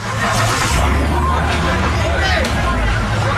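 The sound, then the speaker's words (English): Crackling and scattered sharp smashing impacts as a Kia is smashed before being set on fire, in front of Bevo Mill during a Saturday-night street takeover at Gravois and Morganfort, ring out over a steady low engine rumble and loud, continuous crowd hubbub, with several bright bursts standing out. “That crackling sound is a Kia being smashed before being set on fire in front of Bevo Mill in a street takeover by Gravois and Morganfort Saturday night.”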